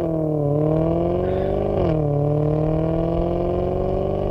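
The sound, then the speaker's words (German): A Maserati sports car engine drones loudly and steadily, its pitch dipping and then climbing again in a quick rev partway through. No one speaks. “Und ein Maserati im Hintergrund.”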